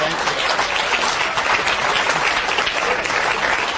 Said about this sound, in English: Don't clap for him.